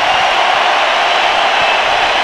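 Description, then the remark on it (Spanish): A stadium crowd roars in a sustained ovation for footballer Julián Quiñones, a dense, steady wash of cheering that stays loud and even throughout, with no one speaking over it. “Los dejo para que escuchen la ovación a Julián Quiñones.”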